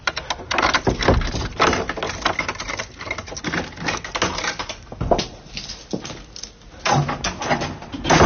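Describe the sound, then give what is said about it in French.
The door of George Sand's house on her estate at Nohant being opened, with a busy run of clattering knocks, rattles and scrapes over several seconds, fairly loud, with no voices. “Ça donne drôlement envie d'aller dans le domaine de Georges Sand à Nohant, d'ouvrir les portes de la maison.”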